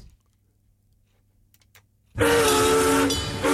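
A train rumbles faintly with a few scattered clicks, then a loud, sustained horn blast bursts in and holds over the roar of the moving train.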